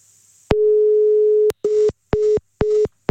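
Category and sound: signal or alarm, telephone call tone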